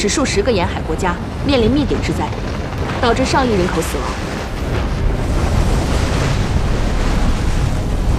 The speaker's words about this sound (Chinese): 如果让他们得逞，后果将会是这样：巨大的海啸。